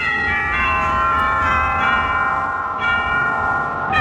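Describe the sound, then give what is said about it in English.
Ringing church-bell tones produced by a theatre organ's effect, sustained and fairly loud, with overlapping peals that blend and swell for several seconds, with no voices. “First of all, what about the church bells?”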